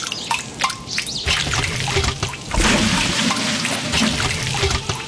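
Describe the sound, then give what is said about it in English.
Water pours and trickles steadily, with scattered drips and splashes at the start before a fuller, continuous flow takes over. Moderately loud, with no voices. “Water. It's the start of everything.”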